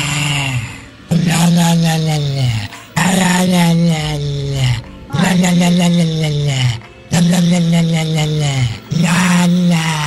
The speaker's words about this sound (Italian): il video di un cane che ringhia e la padrona gli muove la bocca facendogli emettere questi suoni.